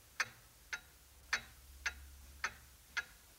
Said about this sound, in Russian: Тик-так, тик-так, тик-так. Под этот мерный стук часов оживает в комнате угловой человек